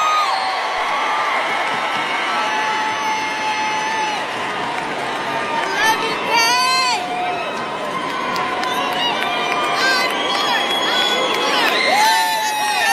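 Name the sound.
concert crowd cheering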